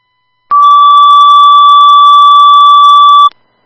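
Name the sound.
radio dispatch alert tones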